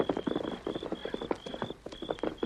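Rapid, muffled hoofbeats pound in a steady galloping rhythm, fairly close, with a faint high tone running underneath and no voices.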